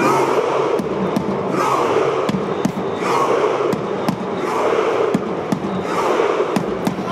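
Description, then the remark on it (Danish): A large crowd of fans cheers and roars steadily together while making shared imaginary rowing strokes, loud and continuous, punctuated by sharp rhythmic claps or beats landing roughly twice a second throughout. “De ror i et stort, jublende fellesskap, og det høres sånn ut.”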